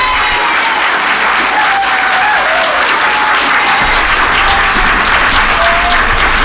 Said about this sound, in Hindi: तो चलते हैं तालियों की गूंज में।